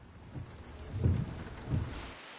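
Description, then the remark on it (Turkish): Steady rain hisses throughout, with a few low rumbling swells rising and fading beneath it, like thunder. No one speaks. “Sanırım yağmurluk gerekecek.”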